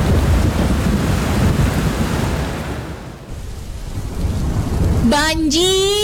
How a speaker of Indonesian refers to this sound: Banjir! Mana hujannya nggak berhenti-berhenti lagi?